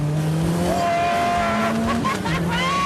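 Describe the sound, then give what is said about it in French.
A turbocharged French Maxi Turbo sports car from the 1980s, about 35 years old, roars loudly and steadily as it accelerates, its pitch climbing in sustained harmonic tones, with a brief tire squeal edge and no voices. “C'est l'exemple parfait de ce que peut faire un turbocompresseur.”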